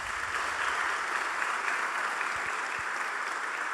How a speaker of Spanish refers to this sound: para quien también pedimos un aplauso muy especial